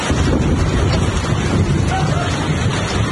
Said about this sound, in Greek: Τοπικό μπουρίνι χτύπησε και την Αττική, με τις εικόνες να μην θυμίζουν καλοκαίρι, αλλά να θυμίζουν φθινόπωρο. Σπονδρό χαλάζι πλήττει τα βορειοδυτικά της Αττικής.